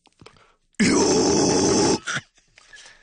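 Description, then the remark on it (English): A harsh, guttural metal-style vocal scream demonstrated by a metal singer, held for over a second, loud and raspy with a gritty growling texture, followed by a short breathy tail; quiet noise before and after. “But there are moments when you scream. Can you illustrate?”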